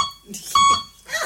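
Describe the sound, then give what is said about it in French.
A single clear electronic beep, a steady mid-pitched tone lasting about a quarter second, fairly loud between brief murmurs of voices; a beep signal used to answer questions, one beep meaning yes and two beeps meaning no. “Comment ça marche? Un bip oui, deux bip non.”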